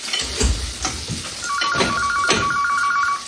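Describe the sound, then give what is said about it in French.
A telephone rings with a steady electronic trill starting partway through, over clattering and sizzling kitchen noises in the background; no one speaks. “tu peux répondre au téléphone, s'il te plaît?”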